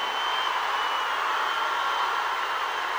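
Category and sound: crowd, audience applause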